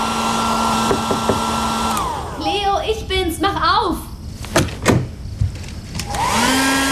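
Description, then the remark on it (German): A hair dryer used in a bathroom to dry off whirs steadily with a rising and falling motor whine. In the middle a voice briefly sounds over it, then the dryer's drone returns at full strength. “Dort nahm ich mir den Föhn und trocknete meinen Fischschwanz.”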